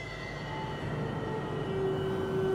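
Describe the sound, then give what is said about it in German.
Steady low rumble of the Altenwerder rail yard at night during a train inspection in the dark, with faint sustained tonal hums and a thin whine rising near the end, continuous, no voices. “Um diese Zeit hat hier niemand was auf den Gleisen verloren.”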